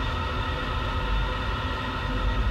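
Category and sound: vehicle, moving train interior rumble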